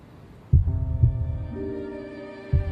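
A recorded human heartbeat: a few deep, muffled thumps, two close together and one after a pause, over a steady electronic hum with no voices.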